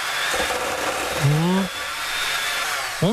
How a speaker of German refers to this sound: So, kurz in den Mixer.